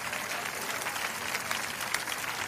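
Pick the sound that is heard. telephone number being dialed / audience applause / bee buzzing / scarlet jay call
audience applause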